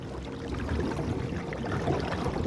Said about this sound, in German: Ja, da im Wasser. Das waren Karpfen. Um die Zeit kommen die in Ufernähe.